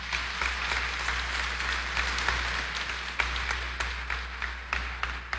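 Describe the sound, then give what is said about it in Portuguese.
A sustained round of applause from a large crowd at a sanctuary in Brazil, given for Our Lady Aparecida after a prayer, dense clapping continuing steadily at moderate volume with no voices over it. “Nossa Senhora merece uma salva de palmas.”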